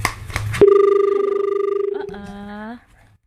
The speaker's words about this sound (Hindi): जी बिल्कुल। एक कॉल आ रही है तो कॉल हम ले लेते हैं।